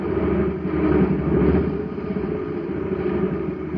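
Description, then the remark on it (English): A jet cycle engine, at a filling station after its tank was filled with ordinary fuel, runs weakly, giving off a steady, low, rumbling drone that holds at an even level throughout without revving up or building power. “A jet cycle has just pulled into a filling station to get its tank filled. The man has it filled with ordinary fuel.”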